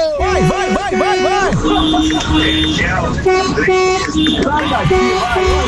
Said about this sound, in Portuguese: Tá valendo a sua buzina, tá valendo, tá valendo.